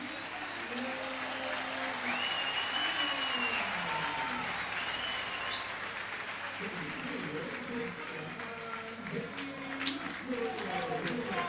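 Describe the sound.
A large stadium crowd applauds steadily throughout, a dense wash of clapping and cheering, while the stadium announcer's amplified voice speaks intermittently, as the Boca Juniors players, including Velasco, are applauded during their pre-match warm-up.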